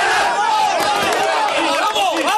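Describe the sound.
The Unión Deportiva football team's locker room battle cry, led by a player: a loud, dense chorus of many voices shouting together, pitches rising and swooping across the sustained roar for a couple of seconds.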